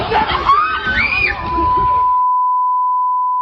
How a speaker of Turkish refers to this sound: Çığlıkların birbirine karıştığı kavga polis ve bekçilerin araya girmesiyle güçlükle sakinleştirildi.